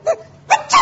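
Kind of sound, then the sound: human body sound, sneeze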